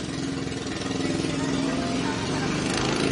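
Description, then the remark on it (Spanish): Cars passing by outside, a loud, steady engine rumble with a low droning hum that holds for about three seconds without letting up. “Aquí ya contestaron los autos.”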